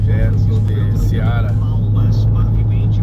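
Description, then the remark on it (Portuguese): A steady low rumble of car traffic on the SC-283, a well-signposted road under construction works, with engine drone filling the background while voices talk faintly over it. “Olha os carros. Passa mal e mal um aí.”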